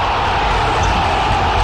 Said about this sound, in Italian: Senti che bel applauso.